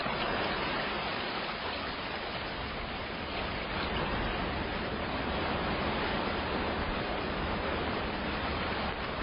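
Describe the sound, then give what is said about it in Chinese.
A large waterfall at the end of an underground cave roars steadily into an underground lake, a dense, unbroken wash of rushing water that stays loud for the whole stretch, heard from a little over ten meters away, with no voices or other sounds. “四个幸存者求生行窃，拼命向水流轰鸣处奔跑。听了水声也只有十几米的距离，我们跑不出几步，经过地下空洞尽头转弯的地方，眼前出现了一个大瀑布。”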